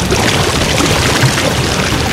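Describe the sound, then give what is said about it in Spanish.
The current of the Las Ceibas river near Neiva, Colombia, as it sounded 50 years ago, rushes steadily, a dense, continuous roar of churning water that stays loud throughout with no voices. “Así sonaba el caudal del río Las Ceibas hace 50 años.”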